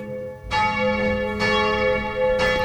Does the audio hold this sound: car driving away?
no